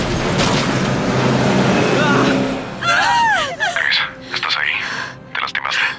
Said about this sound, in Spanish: El autobús choca contra las partes delanteras de las dos patrullas y sigue avanzando.